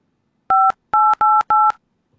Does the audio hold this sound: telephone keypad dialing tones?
yes